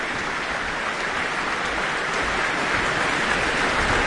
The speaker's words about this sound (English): Now the whole orchestra is on their feet to receive applause from the audience.